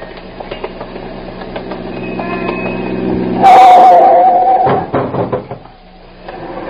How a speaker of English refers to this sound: I think we can get across after this car passes, ma'am.